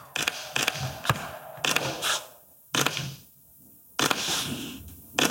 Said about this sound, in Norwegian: Og skriver under på dokumentet med sin ed til Stortinget. Vi hører også fotografene som tar bildet.